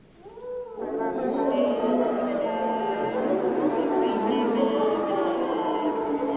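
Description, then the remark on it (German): Several brass instruments sound while the brass players sing into their instruments, producing rough, wavering multiphonic tones that swell in after a soft start and hold as an eerie, howling chord, loud. “Oder manchmal wollen die Komponisten und Komponistinnen auch, dass die Blechbläser in ihre Instrumente reinsingen.”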